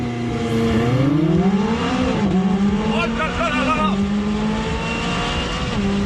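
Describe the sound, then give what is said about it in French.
A 600 LT sports car with a 3.8-litre twin-turbo V8, roof folded down, accelerates hard from a standstill using launch control, 0 to 100 in 2.9 seconds; its loud engine note climbs in pitch, dropping briefly at two quick gear shifts, then rising again. A person exclaims excitedly over the roar. “Allez, pour déjà voir ce qu'elle a dans le ventre, cette 600 LT, on va se faire un petit 0 à 100 avec le launch control, pied à fond sur le frein, pied à fond sur l'accélérateur.”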